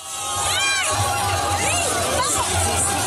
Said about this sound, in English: That's cheering from a crowd of several hundred Spaniards very early this morning. They were marking the end of the hard border with Gibraltar, the contested British territory at the southern tip of the Iberian Peninsula.